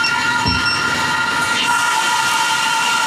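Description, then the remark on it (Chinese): A steady, unbroken mechanical hum fills the whole clip, the droning whir of the core area of a data center server room, with 320 running server cabinets on its second and third floors used for AI large-model training, with faint high whining tones layered over it and no voices. “我们现在这个嗡嗡作响呢，就是核心区域，也就是我们机房，可以给各位看一下的啊。”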